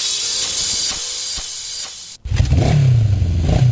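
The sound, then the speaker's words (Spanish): A loud rush of steady hiss cuts off abruptly, then a motorcycle engine roars, revving up with a rising, throaty pitch. “Conoce nuestros increíbles modelos de motos en 125 y 150 centímetros cúbicos.”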